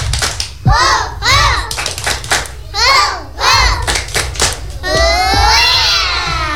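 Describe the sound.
A group of children aged 2 to 4 from the Ministar class of PGTK Kreatif Cendekia chant the 'tepuk semangat' clapping cheer in rhythm, clapping in a steady beat about every second. Toward the end the claps stop and their voices rise into a longer, higher shout.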